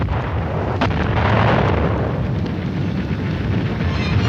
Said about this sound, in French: Voici 3 ans, en effet, plus de 3 ans même, les premières explosions éclataient dans ce qui avait été le pays du matin calme.